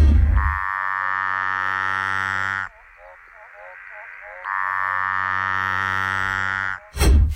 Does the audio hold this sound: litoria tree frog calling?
yes